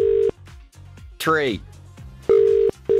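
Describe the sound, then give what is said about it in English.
A steady electronic ringback tone pulses on an outgoing phone call, with a ring burst at the start and two more near the end, while a man talks loudly over the gaps. “Answer within 10 rings.”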